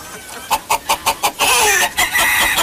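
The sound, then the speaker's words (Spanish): Hens cluck in a henhouse in a steady run of short, bright calls, about five evenly spaced, followed by a louder, denser burst of overlapping clucking and squawks. “Vamos a meter aquí al galpón de las gallinas para...”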